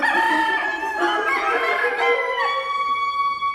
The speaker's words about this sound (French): Le poussin mâle doit s'entraîner pour s'affirmer de plus en plus et être en pleine capacité de sa voix entre 6 et 9 mois après sa naissance. Et ainsi pouvoir reproduire le célèbre cocorico.